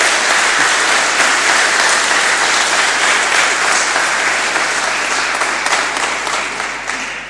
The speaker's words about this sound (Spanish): Un aplauso a todos los peregrinos, bien fuerte el aplauso.